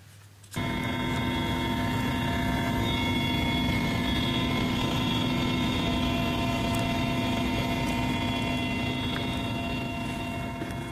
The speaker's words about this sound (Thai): ขณะที่เฮลิคอปเตอร์กำลังบินขึ้นก็มีชาวลาวเนี่ยมายืนรอพร้อมกับโบกมือให้อย่างอบอุ่นเลยครับ